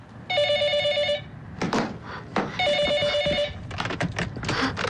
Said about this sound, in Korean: 바로 이때 전화벨이 울린다.